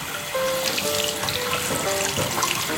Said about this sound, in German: Ja, und jetzt mache ich mal das Wasser an. Ich stehe hinter dir. So, ist es angenehm warm?